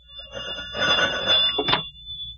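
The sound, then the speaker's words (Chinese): A telephone bell rings with a bright, rattling metallic trill, a sustained burst followed by a shorter final jangle, with no voices over it; the call is from a section chief. “哦，余处长电话。”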